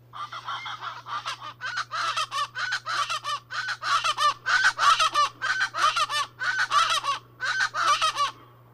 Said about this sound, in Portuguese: Você já sabe de quem é o canto? Quem disse que é o Aracuã guarda-faca acertou. O seu nome científico é Hortalis remota e pertence à família Crassidae.